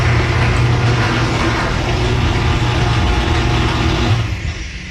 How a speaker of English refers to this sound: play the sound of my new rollers on my garage door right now.